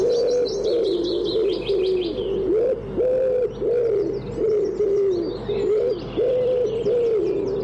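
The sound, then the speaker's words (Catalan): A common wood pigeon (Columba palumbus) coos in a steady, repeated rhythm of soft, hollow phrases, clear, while small birds chirp faintly in the background. “Tudom, Columba palumbus.”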